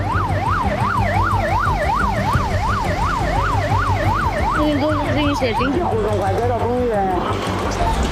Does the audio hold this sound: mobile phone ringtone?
no